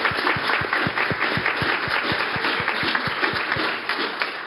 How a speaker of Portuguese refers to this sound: E eu também quero os aplausos aos meninos, aos 60 meninos que estão assistindo também aqui, porque eles merecem.